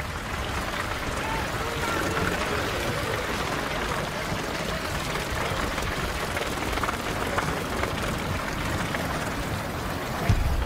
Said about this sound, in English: As if they are dancing, each fisherman uses a bamboo pole to scoop something out constantly. The things plopping into the boats are tuna fish.